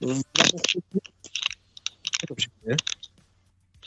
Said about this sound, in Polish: Co to za stukanie? Ktoś jest jeszcze na antenie?